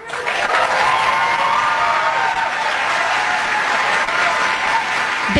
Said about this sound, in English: Normally, I would be a little surprised at a whole bunch of people applauding something like this without any real detractors in the audience.